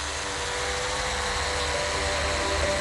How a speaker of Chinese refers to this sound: 眼前这架搭载高清摄像与人工智能算法的无人机，是新昌水利局的数字治水利器。 遥控器目前显示正常，可以正常起飞。